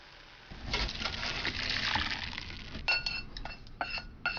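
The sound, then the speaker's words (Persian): Dashi broth, simmered with katsuobushi flakes, is poured through a colander set over a bowl in a steady, splashing rush lasting about two seconds, followed by several bright clinks and taps of dishes, with no talking. “حدود 1 دقیقه بگذارید بجوشه و سپس داشی رو در یک آبکش که روی یک کاسه قرار گرفته خالی کنید.”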